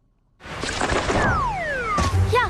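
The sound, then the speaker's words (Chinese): A few sharp knocks and thumps ring out as a small bird, a light-vented bulbul, crashes into glass, followed by a couple of descending whistle-like glides and quick high bird chirps at the end. “小鸟撞玻璃上了， 这是白头杯，也叫白头翁，不仅唱歌好听，还是吃农林害虫的好手呢。”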